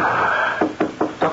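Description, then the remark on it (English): Four firm knocks on a door in a quick, steady rhythm, early in the morning before sunrise, rapping out after a brief stretch of soft background hiss, clear with no one talking. “Oh, come in. The door is open.”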